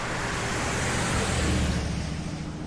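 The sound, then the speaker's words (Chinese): A loud engine roars steadily with a deep, throbbing low rumble and broad rushing noise, like an early motor car running, continuous for a few seconds with no voices. One of two American-made cars, brought by a Hungarian, driving through the foreign settlement on the Shanghai Bund. “这么2辆发出巨大轰鸣、跑得比马车还快的车子，在上海滩的十里洋场招摇过市，那个拉风劲儿就甭提了，人们也是竞相出来围观呀。”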